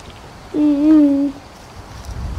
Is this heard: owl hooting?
yes